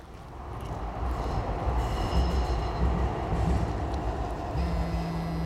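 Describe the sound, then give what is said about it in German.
A train rumbles steadily through a railway stop, a dense low roar with metallic rolling noise and faint high squeals, building slightly and holding loud throughout with no voices. “An der Bahnhaltestelle entdecke ich ihn. Er geht auf das Gleis gegenüber”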